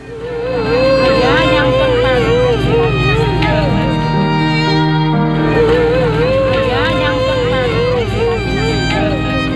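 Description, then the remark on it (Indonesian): A middle-aged woman wails and sobs hysterically, loud, her voice wavering continuously, as a search and rescue team boat arrives at Marina Carita Pier in Pandeglang, Banten, on a Wednesday afternoon, while a crowd murmurs and a boat engine hums low in the background. “Tangisan histeris wanita Parubaya ini menyambut kedatangan kapal tim SAR di Dermaga Marina Carita Pandeglang, Banten, Rabu sore.”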